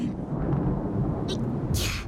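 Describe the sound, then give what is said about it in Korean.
A steady, heavy rumble of thunder rolls through the whole moment, deep and loud, with a couple of brief crackling bursts breaking through near the end. “천둥 소리잖아.”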